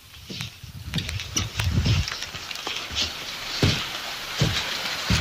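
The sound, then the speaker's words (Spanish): Steady rain in Vallenar hisses throughout while gusts of moderate wind buffet and rumble in low bursts, with scattered sharp taps of drops hitting surfaces. No voices. “informando que se largó a llover aquí en Vallenar y con viento moderado.”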